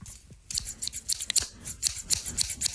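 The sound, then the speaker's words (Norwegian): A quick run of crisp scissor snips, about a dozen sharp metallic cuts in an uneven rhythm, made with scissors to create a jingle, with no one speaking. “Ta gjerne, hvis du sitter med en saks, så er det ingen grunn til ikke lage vignett.”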